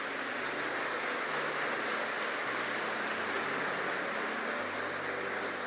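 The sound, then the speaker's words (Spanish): An audience breaks into sustained applause for the greatness of God, a dense, even wash of clapping that holds steady for several seconds, with low held tones humming faintly underneath. “Dele un aplauso a la grandeza de Dios.”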